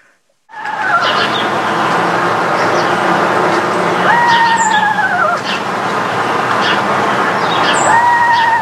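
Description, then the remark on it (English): A bird gives three drawn-out, whinnying whistled calls, each holding a steady pitch before sliding downward, spaced a few seconds apart over a constant background hiss. “They have two calls. One is a trill, and the other is a whinny.”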